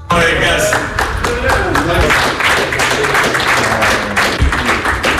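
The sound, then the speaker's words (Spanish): Players and staff of the Belgian national football team applaud Doku on his return to the squad at the World Cup: many hands clapping in a dense, continuous patter at a loud, even level, with occasional sharper claps and faint voices mixed underneath. “Esos aplausos son para Doku por parte de sus compañeros y de los integrantes de la selección belga en el regreso y en, bueno, pues en la reincorporación a un Mundial que no se le está dando del todo bien a Bélgica.”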